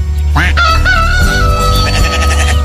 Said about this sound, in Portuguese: Galo cantou!